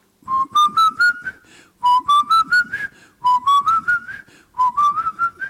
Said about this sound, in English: Get your breath together. Whistle.